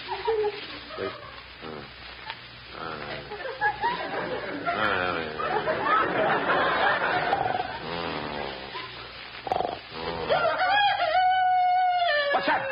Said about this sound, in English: It's just the chicken crowing. Crowing? It's 3 o'clock in the morning. They're not supposed to crow until about 7. Oh, now I get it. The chicken's still on California time.